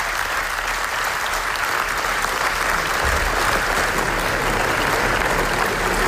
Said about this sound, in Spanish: Y así hasta 25 minutos de aplausos en el Festival de Venecia para el documental Nazza sobre el genocidio en Gaza, que ganó el premio especial del jurado en el Festival Italiano.